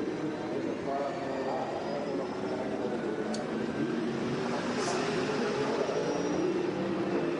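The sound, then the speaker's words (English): A racing car engine heard onboard at reduced revs as the driver nurses the car home to save fuel, a steady, muted droning hum with a broad rushing undertone that stays even throughout, without climbing or revving up. “Well, he's certainly not going on full revs, is he?”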